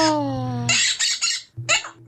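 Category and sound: bird, parrot squawking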